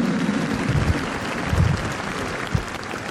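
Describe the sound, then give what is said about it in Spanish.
An audience applauds in honor of the Virgin Mary, steadily for a few seconds, a dense wash of many hands clapping at an even, moderately loud level, with no one speaking over it. “Un aplauso a María, la mujer del encuentro, de la escucha y el sí.”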